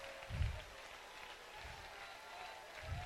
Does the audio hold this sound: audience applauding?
yes